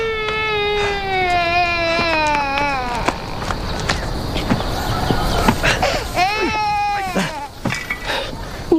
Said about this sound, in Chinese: 没事没事，孩子哭了